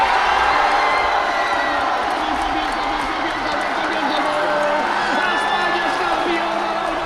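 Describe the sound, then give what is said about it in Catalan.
A large crowd of football fans in Barcelona cheers and chants together, applauding and chanting players such as Lamine, Cubarsí, Ferran and Messi, in a continuous, loud roar, with voices blending into a dense wall of sound throughout. “Lamine, el seu germà petit, Cubarsí, Ferran o també Messi van ser els més aplaudits i corejats per una afició entregada que va marxar passada la mitjanit, alguns a casa, d'altres a seguir la celebració pels carrers de Barcelona”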